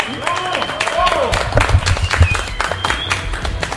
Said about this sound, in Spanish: Hay que darles ese gran reconocimiento. Así es, vamos a entregar las medallas, vamos de uno por uno y les decimos gracias. Y un aplauso para todos ustedes. Un aplauso, venga, ese gran aplauso para todos. Venga.